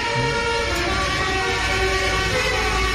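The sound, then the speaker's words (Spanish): A loud novelty car horn blares the tune of La Cucaracha in changing tones, sounding busy and brassy over a constant rumble of road or engine noise, with no one speaking. “bocinas alegóricas como esto que vamos a escuchar ahora, que como la cucaracha, por ejemplo.”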